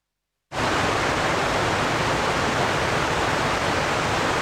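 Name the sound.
rushing water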